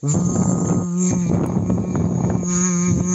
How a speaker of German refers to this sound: ist einfach nur eine Plastikflasche mit einem dicken Schlauch drinne und man macht die Flasche ein Drittel mit Leitungswasser voll und dann blubbert man hinein, aber in summender Art und Weise, das hört sich dann ungefähr so an.